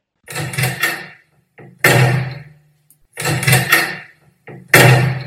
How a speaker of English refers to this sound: Will you sort this door out? I'm going to rip it off its hinges.